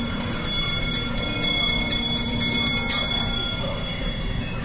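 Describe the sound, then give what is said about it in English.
A small bell rings continuously with rapid repeated strikes and sustained high tones, over a steady low rumbling background. No one speaks. “Wizards and witches, wherever you dwell, give us a hint by ringing the bell.”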